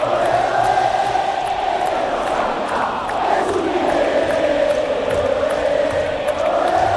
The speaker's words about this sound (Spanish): Atrona el gigante Alberdi con todos los cánticos para la selección y para el campeón. Y los aplausos también cuando ingresó Rosario Central por hacer como corresponde el pasillo a los campeones.